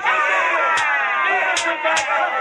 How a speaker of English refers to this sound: And the crowd roared with the frenzy, and the priests of Dagon beat him with scourges.